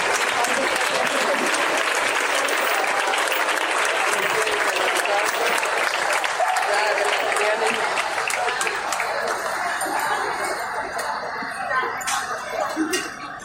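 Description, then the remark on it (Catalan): Sustained audience applause for the Chove Muxaraca de Valencia fills the space, a dense wash of many hands clapping at steady loudness before thinning slightly toward the end, with a few scattered voices and coughs mixed in. “Un aplaudimiento por la persona.”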